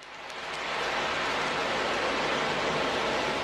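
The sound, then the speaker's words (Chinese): A steady, broad hiss swells in over the first second and holds as an ocean drum is gently shaken, its beads rolling to imitate waves washing ashore, in the hospice care ward of Puhuangyu Community Health Service Center. Fairly soft, with no talking. “在蒲黄榆社区卫生服务中心安宁疗护病房里，海浪鼓轻轻摇动，模仿着海浪拍岸的声音。”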